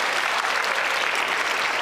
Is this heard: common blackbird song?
no